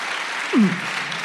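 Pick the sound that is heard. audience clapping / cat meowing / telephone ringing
audience clapping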